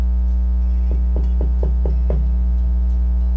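Nobles and vassals knock six steady times on the king's wooden bedroom door in quick, even succession, with a constant low electrical hum droning underneath throughout.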